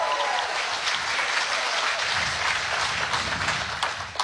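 A game show audience applauds and cheers steadily for a contestant about to play for $1,000, dense clapping filling the whole stretch at a loud, even level, with a few voices rising underneath before it begins to taper at the end.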